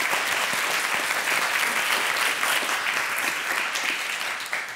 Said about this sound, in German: Applaus dafür übrigens. Sehr gut.